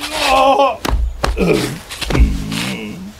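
Someone slipping and falling onto black ice outside a door: a few heavy thuds break up drawn-out groans and wailing cries, fairly loud, as if the person flails and lands hard.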